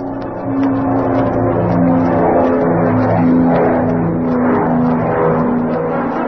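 A steady, loud engine drone with strong low harmonic tones, rising and shifting in pitch like a propeller plane revving up as it takes off from a private airfield near Chatfield, Arkansas.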